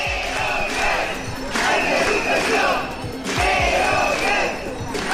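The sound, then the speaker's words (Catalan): A loud crowd of about 200 early childhood education workers protesting at the doors of the Parliament during a 24-hour strike, chanting and shouting together, their voices rising in three strong surges and dipping briefly in between, with steady clamor throughout. “És una de les imatges del dia, del so del dia, la de prop de 200 treballadores de les escoletes d'educació infantil concentrades a les portes del Parlament.”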